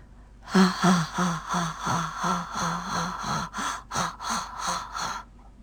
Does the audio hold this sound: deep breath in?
yes